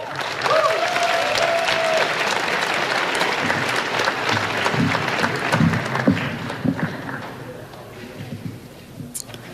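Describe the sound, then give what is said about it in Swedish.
An audience at a student graduation day claps steadily to welcome forward the chair of the children and education committee, a dense wash of many hands that fades slightly toward the end, with a brief whistle-like tone early on and some low murmuring underneath. “Vi ger henne också en applåd.”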